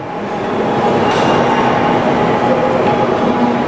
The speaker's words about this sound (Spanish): Los trenes que circulan aquí son diferentes de otras series de Shinkansen. La mayor diferencia entre las dos series es que las W7 están mejor equipadas para soportar grandes cantidades de nieve.